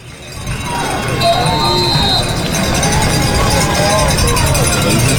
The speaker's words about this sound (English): Big crowd here today.